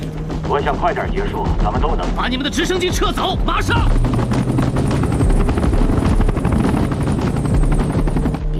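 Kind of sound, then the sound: vehicle, helicopter hovering overhead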